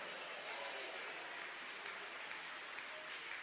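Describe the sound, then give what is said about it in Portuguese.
A church audience claps together in a dense, steady burst of applause that holds at an even level for several seconds without a break, clapping as an act of praise to God. “Pode tomar o seu assento, queridos e amados irmãos, e quero ouvir palmas misturado com glória a Deus.”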